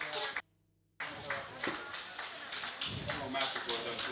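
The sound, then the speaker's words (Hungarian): A crowd claps in a dense, continuous burst of applause for a young girl at a number draw, broken once by a brief moment of silence near the start, with some voices mixed into the noise. “Tapsoljátok már meg.”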